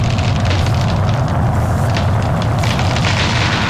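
A large debris flow comes down from the mountain and strikes a stopped truck on a road by the Yoshino River, with a loud, continuous roar, heavy low rumbling churning underneath and rough crackling noise on top, overwhelming for the whole stretch, with no voices.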